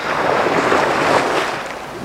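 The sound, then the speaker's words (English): A steady, broad roar of ocean surf washing onto a shore, fairly loud, with a gusty, windy hiss layered over it and no voices. “staggered to the beach, falling frequently, and crawled up to the spot where he used to solve problems in geometry.”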